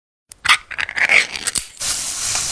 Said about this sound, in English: Oh, hear that? That's the Spam brand singing you a love song. Spam, sizzle